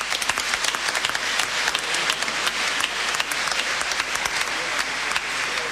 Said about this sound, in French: Et donc là aussi, je souhaite dire un petit mot particulier de bienvenue à ces personnes qui viennent pour la première fois à notre pèlerinage à Lourdes. Et on peut les applaudir aussi.